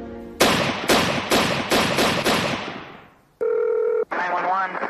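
Six sharp gunshots, fired in rapid succession in the early morning in Rockford, Illinois, crack loudly, their echoes trailing off, followed by a steady electronic telephone tone and then a warbling ring.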